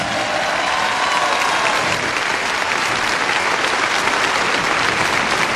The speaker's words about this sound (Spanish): Ese aplauso es para Cristo Dios.